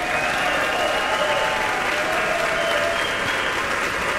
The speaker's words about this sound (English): Let's have a huge round of applause to Wilson Liu, everybody.